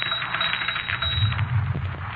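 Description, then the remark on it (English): A typewriter clatters away on its own, a rapid, dense run of mechanical key strikes and clicks with no voices, fairly steady in loudness and dull in tone. “Look, I said I didn't write it, and the typewriter just said, no, I did.”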